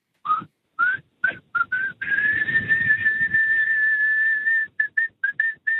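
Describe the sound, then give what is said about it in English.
A man whistles a song tune, starting with short separate notes, then holding one long steady pitch for a few seconds before finishing with a quick run of brief notes. “Have you got a song you're going to whistle for us?”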